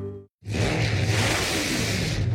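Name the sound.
car engine revving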